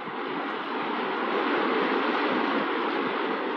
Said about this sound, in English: Oh, look. A waterfall.